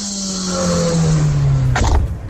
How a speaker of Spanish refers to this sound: No es moto, Garra. ¿Qué? Es auto, vehículo